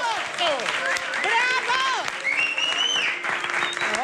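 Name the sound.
audience ovation and applause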